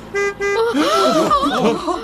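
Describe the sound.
A car horn gives two short, bright honks in quick succession, and then a voice starts talking right after them. The car is a trophy transporter driving through a zoo gate.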